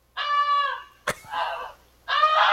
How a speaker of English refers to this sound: That's actually the actual goose itself.